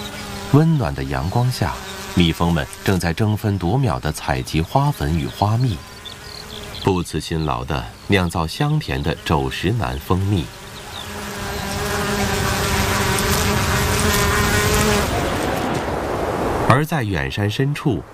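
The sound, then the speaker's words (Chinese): A man speaks at first, then honeybees buzz in a steady, continuous drone for several seconds, a dense, even hum of several insects collecting pollen and nectar from flowering heather in the Scottish Highlands in mid-August, under warm sunshine. “这里是蜜蜂的乐园，温暖的阳光下，蜜蜂们正在争分夺秒地采集花粉与花蜜，不辞辛劳地酿造香甜的肘石楠蜂蜜。”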